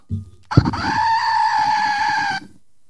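A single drawn-out goat bleat, loud and nasal, holding a steady high pitch for about two seconds with a slight wavering quality, preceded by a short thump.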